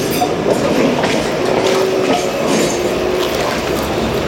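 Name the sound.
tram passing on rails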